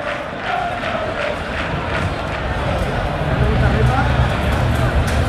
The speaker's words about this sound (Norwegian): Frispark til Gravem som får dytt i ryggen, og det jubles fra FKH-benken.